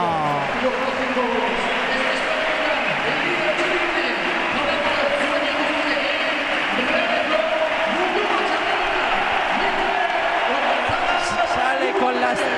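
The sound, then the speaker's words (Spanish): A large stadium crowd at Anoeta roars in sustained ovation for Mikel Oyarzabal, captain of the Real, as he comes out with the star and the trophy, a dense wash of cheering and applause holding steady and loud throughout with scattered shouts rising above it. “Con la estrella y con el trofeo, sobre todo ovación.”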